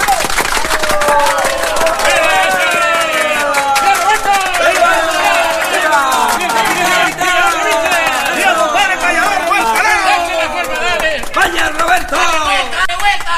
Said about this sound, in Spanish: ¡Venga ese aplauso!